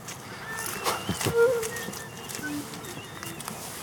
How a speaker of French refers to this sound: On entend le cri de la mésange derrière. Bon, là, il n'y a pas encore beaucoup de chants, mais... Mais c'est plutôt des cris.